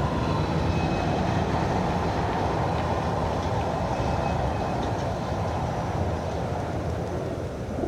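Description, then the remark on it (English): Steady, dense traffic noise: a continuous low rumble with a faint high hiss, holding an even loudness for the whole stretch, with no voices. “And traffic noise.”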